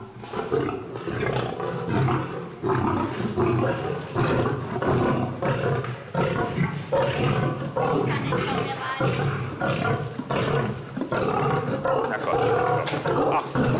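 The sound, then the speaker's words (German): A lion and a tiger roar and growl repeatedly at feeding time, deep rumbling bursts overlapping in a loud, continuous stretch with barely a pause, as a keeper throws the male lion its meat ration while the excited tigress waits her turn. “tigert schon ganz aufgeregt herum, muss aber warten, bis Alex dem Löwenmännchen seine Portion vorgeworfen hat”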